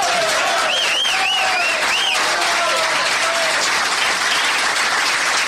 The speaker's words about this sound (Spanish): Bueno, bueno, no aplauden tan largo, me voy a chupar hasta que terminen de aplaudir.